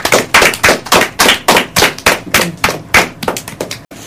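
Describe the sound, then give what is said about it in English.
A group gives themselves a round of applause after a Bible story quiz, clapping in unison with a steady rhythm of loud, sharp, crisp claps, about three per second, and no voices. “You all have done wonderfully, and I would like you to give yourself a round of applause.”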